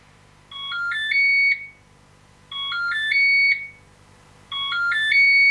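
An electronic device plays a short tinkling melody of rising and stepping tones, repeated three times with brief pauses between, bright and fairly loud over a faint low hum.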